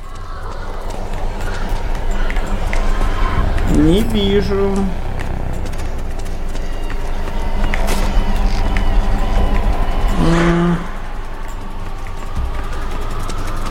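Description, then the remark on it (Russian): Footsteps from two sides converge, tapping over a steady, noisy background, with brief tonal chimes partway through and a person speaking briefly. “Непонятно, тут шаги с двух сторон сходятся.”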